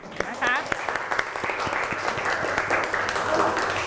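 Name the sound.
students applauding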